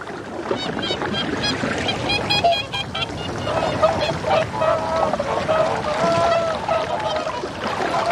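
A chorus of whooper swans keeps up overlapping, trumpeting honks, some drawn out and high, over a steady wash of water sound, busy and fairly loud throughout, in early spring on an island warmed by the North Atlantic Current, where temperatures rarely fall below zero.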